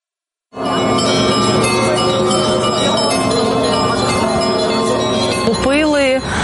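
The bells of St. Michael's (Mykhailivskyi) church peal loudly and continuously, their overlapping ringing tones blending into a dense, sustained wash, with a brief voice rising near the end.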